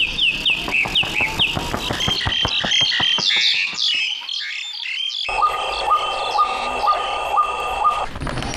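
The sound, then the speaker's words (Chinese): In the forest at Yinggeling, forest birds chirp and twitter busily in a dense chorus, then a steady, repeated whistled call rings out at an even rhythm over a constant hum of insects and ambient noise. “就是那个，就是它叫声。”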